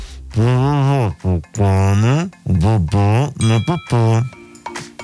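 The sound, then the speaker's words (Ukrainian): A man's voice imitates a bell being struck, sounding out a series of drawn-out, sung 'dong' tones in a loose rhythm, fairly loud, with no real bell audible. “і чуєте, як він б'є в дзвін”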